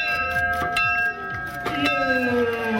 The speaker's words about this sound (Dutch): Het heeft allemaal te maken met de Ommer Bissing. Het is de Ommer Bissing Bel. Daarmee is het zomerfeestje dan ook echt afgetrapt.